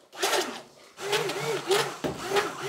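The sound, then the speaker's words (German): A small electric mixer blends sugar with inulin and guar gum, whirring in three rough bursts, its buzzing motor wavering in pitch as it churns through the thick, foaming mixture, with a brief dip between runs. “Am besten nehmen wir jetzt mal den kleinen Mixer.”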